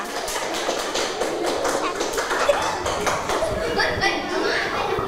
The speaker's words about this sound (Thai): เก่งมากๆเลยค่ะปรบมือให้กับเพื่อนกลุ่มนี้หน่อยค่ะ